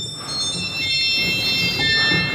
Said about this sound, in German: Und viele Register klingen auch einfach schief und sind zu hoch und quietschig. Also zum Beispiel solche Register hier.